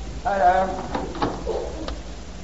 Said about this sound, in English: I think I heard the back door.